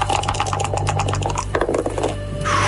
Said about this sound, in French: On va lancer les dés quand même. Lancement de dés.